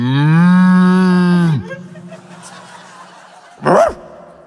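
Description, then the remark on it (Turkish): A person does a loud, drawn-out cow moo impression lasting over a second, followed by quiet background noise and a brief sharp vocal burst near the end. “Çok güzel inek taklidi mesela.”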